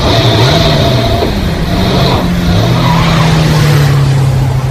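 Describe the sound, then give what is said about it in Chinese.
A loud truck engine rumbles and rises in pitch as the truck, carrying four soldiers and others, sets off along a road, with a whining drone and steady road noise throughout and no one speaking. “半个小时以后，少长带着四个战士和池田、廖飞一起乘着卡车上了路。”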